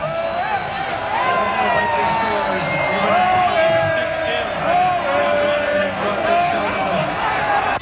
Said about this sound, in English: As soon as that goal went in, listen to this crowd, mostly now Ghana fans sticking around after the game, reacting to the big win. And here they are when the goal was scored.